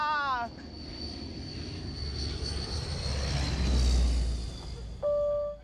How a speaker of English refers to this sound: Jet, man. Big jet, man.